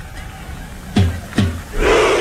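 Two heavy drum booms, struck by Haaland with a drumstick, land a beat apart, then a large stadium crowd erupts in a loud, unified shout like a war cry.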